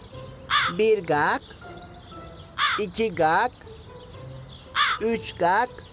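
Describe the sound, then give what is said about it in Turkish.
A crow caws in three bursts of harsh, rasping calls, two or three caws each, with pauses between them and a faint background hum. “Bak şimdi bu karga 5 kere ötünce gelecek fikri.”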